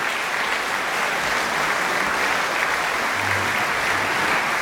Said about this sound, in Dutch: Ze komen nog een keer op voor het applaus van het publiek hier voor de pauze in ontvangst te nemen.